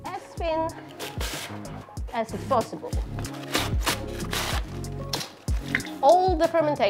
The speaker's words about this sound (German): Als erstes schneiden wir den Kohl, so fein wie möglich.